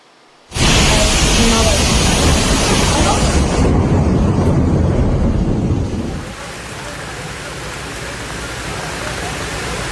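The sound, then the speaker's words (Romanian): Torrential rain pours down in Varna, Bulgaria, in a loud, continuous roar that begins abruptly, holds steady and dense, then eases slightly partway through while still drumming heavily, like a downpour in a storm; the rain caused flooding. “Inundații în orașul bulgar Varna după o ploaie torențială.”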